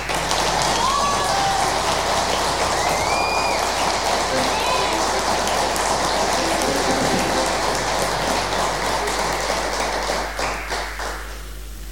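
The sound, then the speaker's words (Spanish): A crowd applauds a drummer, also of a band, steadily for about ten seconds, a dense crackle of many hands with a few whistles and voices mixed in, before the clapping thins and fades out. “Bueno, en la batería tenemos, bueno, él forma parte del grupo … también, así que quiero agradecer desde ya y que ustedes le den un aplauso a ….”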